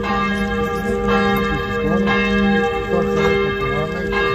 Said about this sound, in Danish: Ja, for i går der ringede kirkeklokkerne, der var serbiske flag, der var militærhatte, et hav af mennesker.